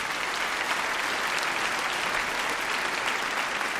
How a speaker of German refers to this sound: Genau, ein Applaus für unsere Trompeten, die jetzt auch reinkommen dürfen.